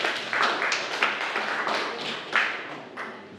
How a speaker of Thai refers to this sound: ถูกต้องครับปรบมือเพื่อนด้วยครับนักเรียนนะครับ